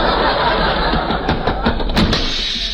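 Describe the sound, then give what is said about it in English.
A door slams shut with a sharp, loud bang, preceded by a few smaller knocks and rattles, all over a steady rushing background noise. “Who else could slam a door like that?”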